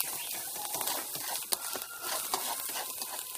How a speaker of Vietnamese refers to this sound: Khi mà mình xào hến như thế này thì có cần phải lưu ý điều gì không ạ chị? Nên nhớ là không thiếu được hành tắm và ruột để cho nó ngon và nó dày mùi. Xong đó là mình sẽ đào cho đều tay và cho nó hến nó sánh lại.